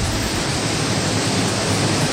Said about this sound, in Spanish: Comenzó la lluvia intensa. Así está la situación hasta ahora, ¿eh? Lloviendo a la antigua.